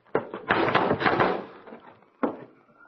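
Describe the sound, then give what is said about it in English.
A locked door is crashed open: a sharp thump, then a loud, rattling crash of splintering wood lasting about a second that fades, followed by one more heavy bang. No voices. “Stand clear of the door. I'm going to crash it.”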